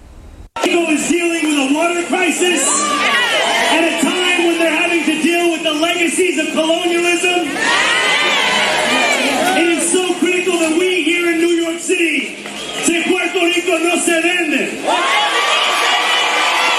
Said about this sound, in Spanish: Y entre gritos y aplausos, el alcalde de Nueva York, Soran Mamdani, el que vieron ahí, fue recibido por los asistentes del Toñita Fest, celebrado frente al 244 de Grand Avenue, donde ubica el Caribbean Social Club.